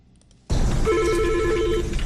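After a moment of near-silence, a telephone at a police hotline rings loudly before the call is answered, a sustained electronic trill held for about a second over a busy background hum.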